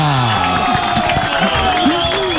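Loud, steady applause from a crowd with excited cheering and whooping voices rising over the clapping, sustained for a couple of seconds without a break. The applause follows the presentation of a traditional dessert recipe.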